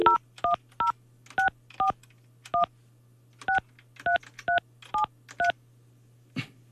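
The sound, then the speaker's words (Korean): A phone number being dialed on a keypad at the Far East Broadcasting station, redialing a listener in Daejeon after a call cut off: about eleven short, clear touch-tone beeps in quick uneven groups over a steady low hum, ending with a faint click. “다시 한번 제가 한번 전화 한번 해볼게요.”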